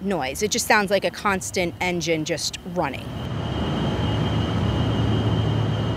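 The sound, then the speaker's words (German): A person talks briefly, then diesel generators at a data centre, which start up when it is especially hot, take over with a steady, loud mechanical drone and a thin, high-pitched whine running continuously over it. “Der Lärm, Sie hören ihn, so ein heulendes, hohes Geräusch, wie ein Flugzeug, wie ein Motor, der immer läuft.”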